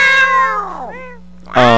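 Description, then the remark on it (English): A person's voice imitates a cat, giving a long drawn-out meow, a short quieter one, then a loud rising meow at the end, over a steady low hum. “And and I was like, oh, like without missing a beat, I was like, oh, like meowing in the workplace.”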